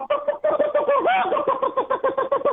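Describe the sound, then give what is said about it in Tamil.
A person imitates a hen's call, a quick run of loud, rhythmic clucking bursts with a brief rising, warbling note partway through. “கண்டிப்பா கத்தம் போது இருக்கு, அது கத்தம் எப்படி கத்தம் தெரியுங்களா?”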